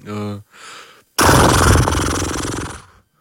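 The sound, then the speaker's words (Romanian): A person imitates a horse in an animal-imitation guessing game: a short voiced call and a breathy sound, then a loud, rough, noisy whinny-like burst lasting about two seconds that fades at the end. “Măgarul. Nu. Cal. Calul. Bravo.”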